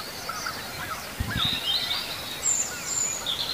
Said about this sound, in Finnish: Ja punarinta.